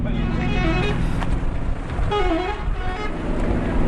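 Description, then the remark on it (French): A bus idles with a steady, heavy rumble while a crowd of families coming out of the bus murmurs and talks outdoors in Aleppo, Syria; a brief horn-like toot rises midway through. “On est devant le bus, les familles sont en train de sortir.”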